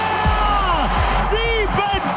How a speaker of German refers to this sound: Und weil es so schön war, starten wir nochmal mit ganz viel Jubel.